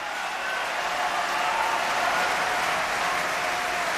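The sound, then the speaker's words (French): Steady, dense applause from an opera audience at a performance of Ariadne auf Naxos, growing for the singer playing Zerbinetta: a continuous crackle of many hands clapping at an even, fairly loud level throughout, with no voices standing out. “Puis les applaudissements s'étoffent pour Zerbinetta alias Zidai.”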